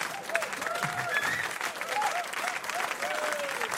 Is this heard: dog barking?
no